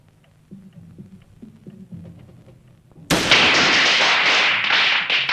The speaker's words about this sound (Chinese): 放鞭炮！香港不准放鞭炮了，附近一定有中国人住。